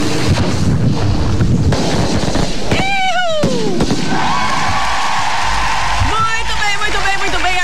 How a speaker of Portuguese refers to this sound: Cadê os fogos, DJ?